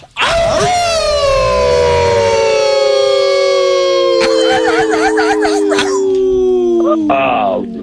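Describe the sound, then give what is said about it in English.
A loud wolf howl imitated by a human voice from Virginia: one long sustained note that slowly slides downward for several seconds, with a brief wavering overlay partway through. “One of our favorites is the … in Virginia. We always bring him in respectfully in 3, 2, 1.”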